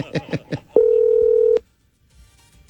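telephone number being dialed

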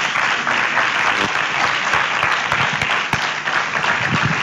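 audience applause

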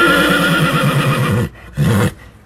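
horse neighing

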